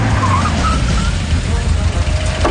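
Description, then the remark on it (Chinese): A convoy of black special police jeeps (4700) rumbles in through a security cordon, engines droning steadily low and loud, with a brief brake squeal near the end as they pull up. “特警队的黑色吉普4700车队开进了警戒线，特警队员们跳下车，带上安全保卫工作当日出入证。”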